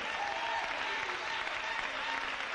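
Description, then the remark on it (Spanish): An audience applauds for the King (Christ) on a morning, with steady, dense clapping that holds an even loudness throughout, with no voices standing out above the sustained wash of hands. “Dele un aplauso al Rey en esta mañana preciosa.”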